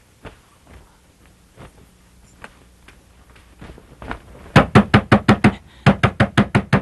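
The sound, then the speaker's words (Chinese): Rapid, loud knocking on a door in the middle of the night, in two insistent bursts with a brief pause between, preceded by a few faint scattered taps amid otherwise quiet surroundings. No one speaks. “哎呀，谁家三更半夜敲门敲这么急啊？”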